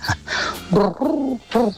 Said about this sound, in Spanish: de las urbanizaciones cuando están vacías, esperando a los extranjeros en verano, se escucha el arrullo de las tórtolas, un regalo de nuestro maravilloso extranjero, del cual no conocemos su nombre, pero sí el sonido de las tórtolas que trajo.